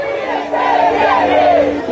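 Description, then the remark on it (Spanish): A large crowd at a demonstration over water chants loudly in unison, many voices blending into a steady, rising and falling roar that carries on for the whole two seconds. “¡Cuánta gente en esa manifestación!”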